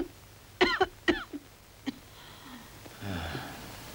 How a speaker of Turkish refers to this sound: Peki, şimdi sıkıca öksürün.